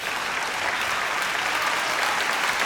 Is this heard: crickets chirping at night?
no